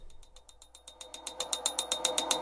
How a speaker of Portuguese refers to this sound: Peraí. Estão ouvindo esse barulho aí? Sério, sou só eu que estou ouvindo? Você aí no carro, tá ouvindo essa bateção de pino?